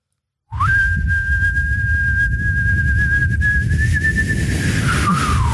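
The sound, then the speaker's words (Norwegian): A man whistles one long, steady note lasting about six seconds, wavering slightly and dipping near the end, over a constant low rumble of background noise. “For han plystret ikke på slutten. Men det var mye lyd da.”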